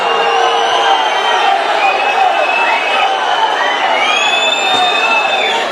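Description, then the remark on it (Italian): A stadium crowd at a football match involving Taranto whistles in disapproval at the end of stoppage time, shrill sustained whistles sliding up and down over a steady, loud roar of massed voices throughout. “I fischi del pubblico.”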